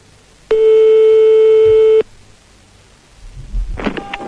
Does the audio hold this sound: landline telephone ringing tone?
yes